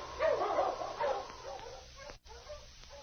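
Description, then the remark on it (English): Sled dogs of a dog team bark and yip as they are urged on with shouts of "Mush!", a rapid, overlapping cluster of high-pitched calls, loudest in the first second, then tapering into fainter, scattered yelps and whines with no voices. “On your feet, you mangy cur!”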